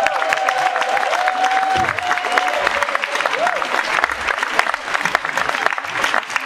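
An audience applauds steadily throughout, a dense wash of clapping with crowd noise, while a sustained whistle-like tone glides faintly over the first few seconds.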